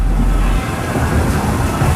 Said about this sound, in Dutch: dondert gelukkig alleen maar op de radio.